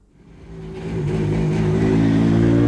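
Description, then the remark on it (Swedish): A rally car engine revs at the Swedish round of the European Rally Championship, its throaty roar swelling steadily over a few seconds and holding at a loud, sustained pitch, with no voices. “Och så motor- och EM-rallyt som börjat på riktigt idag och bra med Värmlandsögon sett.”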